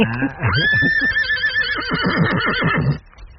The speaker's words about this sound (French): Rendez-vous compte, regardez l'harmonie de ce cheval ici, là. C'est le jument, là. Elle est pleine, non? Oui, elle est pleine, bien sûr. Ouais. Regardez, elle a été installée dans ce tout petit pré cet après-midi.